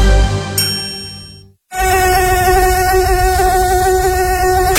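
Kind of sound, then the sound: insect, mosquito buzzing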